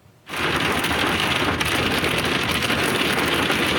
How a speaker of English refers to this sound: The storm produced extreme winds, torrential rain and hail, leaving debris, downed trees and flooding roadways across the city.